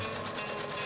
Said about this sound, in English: Socks being stitched. Made right here in Australia.